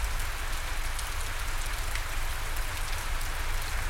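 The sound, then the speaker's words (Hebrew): Steady, dense rainforest rainfall patters on foliage with a constant hiss and scattered drops, a continuous wash of tropical rain with low rumble beneath and no voices. “ובעדינות, בעדינות, העבירו תשומת הלב שלכם לצילים של היער גשם, לצילים של הפסנתר והסנסולה.”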